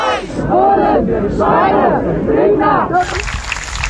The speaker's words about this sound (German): Das, was wir gerade hören, ist der Applaus, weil die eine Person vom orangenen Finger auf der B7 bei Frienstedt nun aus der ED-Behandlung freigelassen wurde und zurückgekehrt ist in den Demoaufzug.